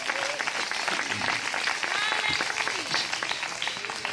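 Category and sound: crowd, audience applauding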